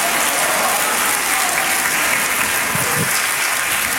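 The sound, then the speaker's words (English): An audience claps hands together in steady, dense applause, loud and continuous for the whole stretch with no voices standing out. “Clap your hand, clap them, and say, praise the Lord.”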